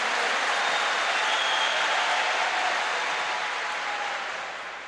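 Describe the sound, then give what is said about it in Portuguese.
An audience claps in sustained, dense applause for the word of God after a Bible reading, a steady wash of many hands that stays loud before tapering off slightly toward the end, with no voices heard. “Beija a sua Bíblia e dá uma salva de palmas calorosa para a palavra de Deus, bem forte.”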